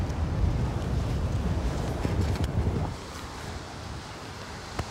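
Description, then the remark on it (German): Strong wind at a surf-fishing beach buffets the microphone with heavy low rumbling gusts over a broad roar of surf, steady and loud for about three seconds before easing to a softer background hiss. No one speaks. “Nur lass das mal richtig Wind sein, so wie heute.”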